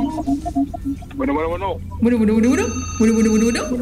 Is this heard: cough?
no